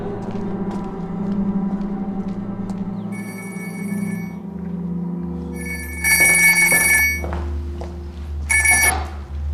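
An old-fashioned telephone bell rings in a few loud, rattling bursts over a low, steady background drone, with short pauses between the rings and no one speaking; it is a call from the prison to the station chief.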